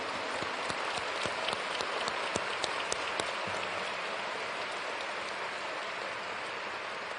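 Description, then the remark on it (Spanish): A large crowd claps steadily for about seven seconds in applause for the brothers and sisters present from the Archdiocese of Guadalajara, a dense wash of many hands with sharper individual claps popping out early on, then settling into an even roar. “Un aplauso para todos.”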